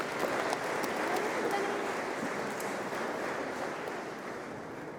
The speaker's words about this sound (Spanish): Un aplauso a los matrimonios. Vuelvan a sus lugares.